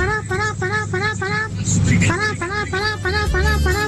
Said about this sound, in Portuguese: Gente, buzinaço, por favor. Vamos buzinar que dá tempo ainda. Dá tempo, quero você buzinando. Motorista de ônibus.